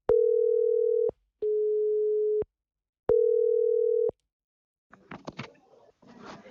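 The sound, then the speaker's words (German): A phone line ringing tone on an outgoing call to a mobile phone at the town hall in Tönning: three steady, mid-pitched one-second beeps with short pauses, then a brief clatter of clicks and faint noise as the line picks up. “wenn ich jetzt hier auf Call drücke, dass wir Jan-Henning Stier per Handy im Tönninger Rathaus erwischen”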